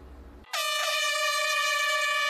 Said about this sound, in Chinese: 5月30号上午9点，随着一声鸣笛，科普定向挑战赛正式开跑。